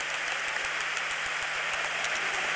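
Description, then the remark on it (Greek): A large stadium crowd applauds steadily as Christos Zafiris is substituted off and Kristian Jakić comes on, a dense wash of many hands clapping at once with a continuous roar and no voices standing out. “Χειροκρότημα της εξέδρας στον Χρήστο Ζαφίρη.”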